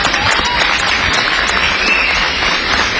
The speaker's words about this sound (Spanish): Quiero reconocer a los organizadores, entrenadores, árbitros, patrocinadores y muy en especial a los 31 equipos que participan el día de hoy. Quiero que se den un aplauso a todos los equipos, por favor.